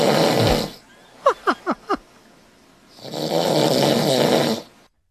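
A man snoring in his sleep while a TV sporting event plays in the background: two long, loud, raspy snores separated by a pause, with four short squeaky chirps in quick succession between them; no one speaks.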